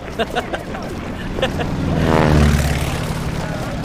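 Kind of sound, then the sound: vehicle, propeller airplanes flying overhead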